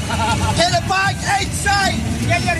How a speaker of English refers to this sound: The beers flow, the chants are constant, flags wave out the windows as we drive up Interstate 95.